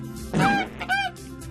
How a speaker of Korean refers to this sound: 우리가 찾던 울음소리의 주인공을 찾았어. 울음소리의 주인공은 거위였구나. 거위.